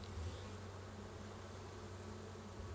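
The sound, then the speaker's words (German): A dense, steady hum of many honeybees buzzing together inside a hive, continuous, with a low droning tone and no voices, as worker bees clean their sugar-powdered sister bees. “Innerhalb kürzester Zeit putzen die Arbeiterbienen ihre bepuderten Schwestern wieder sauber.”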